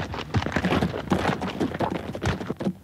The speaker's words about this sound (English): I was about to mount up when Edwina and Meredith rode in. Edwina dismounted and sent Meredith to stable the horses.